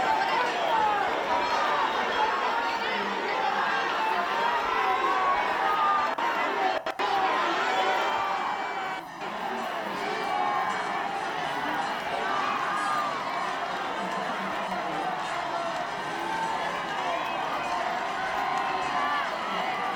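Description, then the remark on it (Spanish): A large crowd in Ceuta shouts and cheers continuously for King Felipe during the royal visit, a dense roar of many voices with rhythmic chanting of "Felipe, Felipe" woven through, steady and loud for the whole stretch with no single speaker standing out. “Escuchad esos gritos de Felipe, Felipe, a favor del rey.”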